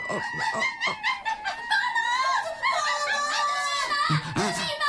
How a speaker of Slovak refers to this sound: A to je, prosím, zase čo? Opice.